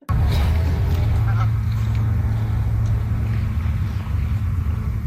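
Several geese honk in short, scattered calls over a steady low outdoor rumble at Powell Beach in the District of Summerland, the calls clustered in the first couple of seconds before thinning out.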